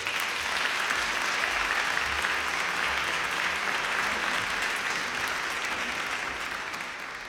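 Sustained audience applause welcoming a singer who is about to perform two songs, a dense steady wash of clapping that holds at a constant loud level for several seconds before beginning to taper slightly at the end.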